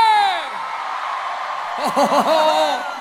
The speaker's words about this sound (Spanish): ¿A dónde está el grito de los paisanos de la noche?